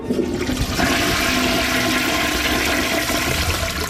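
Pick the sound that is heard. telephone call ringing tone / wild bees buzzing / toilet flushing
toilet flushing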